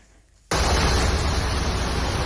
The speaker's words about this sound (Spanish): Durante la tarde, los bomberos de Cataluña han atendido a más de 200 incidencias por estas lluvias que están escuchando.